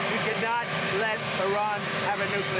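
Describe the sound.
Loud, steady helicopter rotor noise roars, a dense mechanical drone filling the whole clip while the president talks underneath it about Iran, partly buried by the din.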